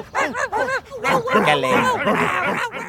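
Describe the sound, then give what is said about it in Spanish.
Several dogs bark and yip excitedly, short high-pitched calls coming rapidly and overlapping into a loud, continuous chorus for a few seconds. “¿Cómo se portaron mis perritos?”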